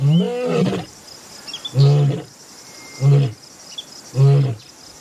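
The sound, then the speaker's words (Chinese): A lion named Arthur roars in Katavi National Park: one long opening roar followed by three shorter, deep grunting roars at steady intervals, with insects chirping faintly in the background. The lion is approaching cubs. “而他不知道，另一头狮子也在慢慢靠近幼崽。”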